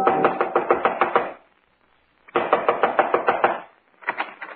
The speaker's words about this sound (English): Within 15 minutes, I was knocking on his front door.